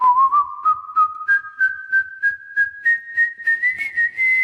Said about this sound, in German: Schon bald konnte der gelehrige Vogel das Rondo-Thema aus dem Klavierkonzert Nummer 17 in G-Dur nachpfeifen. Allerdings in veränderter Form. Statt dem G sang er ein Gis.